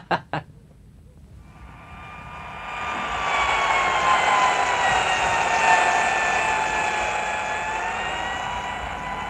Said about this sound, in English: As the dull, insistent sound of the dentist drill stopped from time to time, the patient looked around the office.